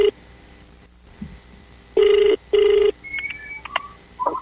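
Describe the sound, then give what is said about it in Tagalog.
An outgoing phone call from a testimony hotline to a user of Wonder Herbal Oil ringing: two loud, steady ringback tones about half a second each, separated by a short gap, followed by faint clicks and chirps on the line. No one speaks. “Karon ato ning tawagan kay matud pa niya na disgrasya kuno siya sa motor, unya na bali ang punuan sa iyang abaga.”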